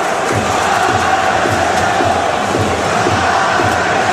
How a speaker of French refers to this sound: Et vous entendez évidemment l'ambiance du stade Raymond Coppa qui continue de monter.